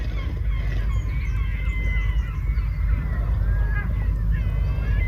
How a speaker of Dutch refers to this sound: Net als meeuwen, want die hebben wij thuis ook. Maar Galicische meeuwen...